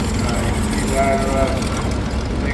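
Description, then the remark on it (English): Engines run with a steady, continuous mechanical rumble, heavy in the low end with a faint whine on top, loud throughout without any break. “engines going round now.”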